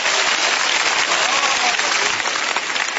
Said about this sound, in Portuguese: Pode bater as palmas para Jesus, meus irmãos.